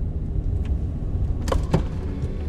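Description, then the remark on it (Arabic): A car engine rumbles low and steady as a car is parked in a car park, then two quick, sharp thuds like the car door being shut as the driver gets out land close together near the middle, with no voices. “وقفت كهربتها في الباركينج، هبطت سكرت الباب”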